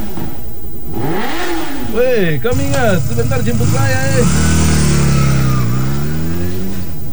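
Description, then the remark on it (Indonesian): A motorcycle engine revs repeatedly in front of a house during afternoon nap time, its pitch surging up and dropping in waves, while a person talks over the noise. “Ini orang tuh jam tidur siang baru ribut yang gas-gas motor di depan orang ke rumah.”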